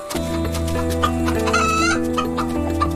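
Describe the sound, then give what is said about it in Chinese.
Chickens clucking in a series of short, high, uneven bursts, with one longer rising call partway through, all over a steady low droning tone that runs underneath. “在这个远离狼群的地方，斯拉瓦学会了偷吃家禽。”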